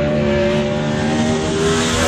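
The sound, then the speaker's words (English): Loud roar of 410 sprint car racing engines at Southern Oregon Speedway, a thick sustained drone with steady pitch and only slight surges, with no voices. “King of the West 410 Sprint Car Series kicks off the fastest 5 days road trip to Dirt Cup Thursday night at Southern Oregon Speedway, presented by Bi-Mart, along with the Northwest Focus Midgets.”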